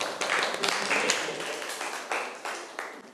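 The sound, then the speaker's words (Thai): A classroom group claps together for a student who gave a correct answer, a dense, steady burst of applause lasting a few seconds, many overlapping hand claps forming a continuous crackling wash with small surges. “ครับถูกต้องครับปรบมือเพื่อนหน่อยครับ”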